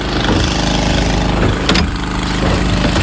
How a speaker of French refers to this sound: On pompe l'eau, on transfère des cuves pour la piscine des pompiers. Voilà.